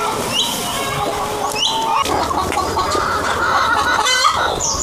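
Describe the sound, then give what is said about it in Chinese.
Roosters crow amid a busy flock of lingcao chickens on a cooperative chicken farm of over 100 mu holding more than 4,000 birds, with overlapping clucks and calls forming a dense, continuous farmyard chorus. No one speaks. “不绝于耳的打鸣声，这些灵草鸡在欢迎我们去和他们的主人打个招呼。”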